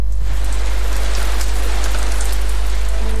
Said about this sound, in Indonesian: Perubahan cuaca yang tidak menentu membuat kita harus siaga di setiap kondisi cuaca, termasuk hujan yang mendadak. Hujan yang tiba-tiba terjadi dengan intensitas yang tidak menentu seringkali mengganggu aktivitas harian kita dan tidak jarang membuat